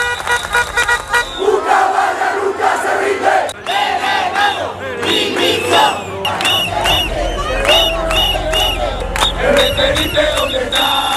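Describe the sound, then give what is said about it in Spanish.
A large crowd of protesters in Ceuta shouts and chants together in loud, rhythmic bursts, with cries of "invasores" and "expulsión", many voices overlapping and a few car horns honking through the din. “Además, al grito de invasores, expulsión, algunos de los participantes en la protesta han acudido a la playa del Trampolín y se han enfrentado con los migrantes que están allí instalados.”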